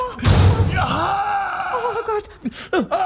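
A heavy door slams shut on a person's foot with a loud thud, followed at once by a drawn-out pained cry and a few short gasping groans.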